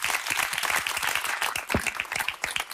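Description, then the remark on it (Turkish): Steady applause from a group, dense overlapping claps forming a bright, crackling wash that holds at a fairly even loudness throughout, with no voices. “Alkışlarım ben olsun.”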